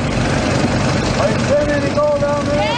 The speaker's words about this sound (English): The hose acts as a vacuum and sucks up sediment into a box on top of the dredge. Then the miners sift through it, looking for gold. Here's what it sounds like.